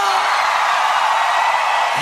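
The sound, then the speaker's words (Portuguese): A loud, continuous roar of an audience shouting and whooping, dense crowd noise filling the whole stretch without pause, energetic. “Quem gostou, dá um grito!”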